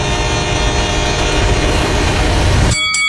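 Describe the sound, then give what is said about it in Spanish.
A train rushes past with a loud, continuous rumble and rattling wheels, its horn blaring steadily over the roar before the sound cuts away near the end. “Todos los días, muchos tientan su suerte y mueren arrollados por trenes.”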